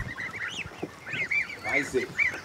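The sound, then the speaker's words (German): A group of young Danish meat geese, nearly 14 days old, calling: high chirping peeps and short honks overlapping continuously in a busy, steady chorus, with some low rustling and bumping underneath. “Das sind dänische Fleischgänse, weiß ich, ne, alle. Die sind jetzt knapp 14 Tage alt.”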